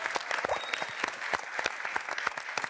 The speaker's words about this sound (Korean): 박수!